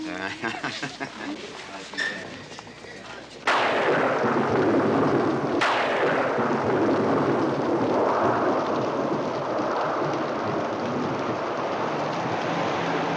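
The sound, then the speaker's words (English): Voices talk briefly before a sudden, loud crack of thunder breaks in, followed by a second sharp clap and then a steady roar of heavy rain that continues to the end. “Rain and more rain predicted for the Southland this weekend. Storms out of the north and chill coastal winds.”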